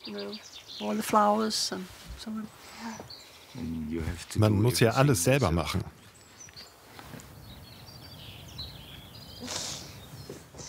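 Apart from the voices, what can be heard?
birds singing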